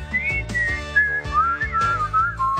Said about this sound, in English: when he goes to Razzle Flavin Island and observes the dining habits of the wild whistling Frechettas.